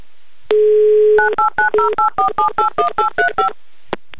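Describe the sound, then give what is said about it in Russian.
A steady dial tone sounds briefly, then a quick run of about eleven touch-tone beeps dials a telephone number in Ulyanovsk in an even rhythm, each a short two-note electronic chirp, with no talking. “пока мы дозваниваемся до Алексея”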